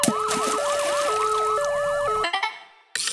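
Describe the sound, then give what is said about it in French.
A loud ambulance siren wails in a rapid alternating pattern for about two seconds, then cuts off abruptly, leaving a few brief clattering bursts and a short silence. “Pourquoi les ambulanciers ont une baignoire sur le toit ? Je ne sais toujours pas. Pour la sirène.”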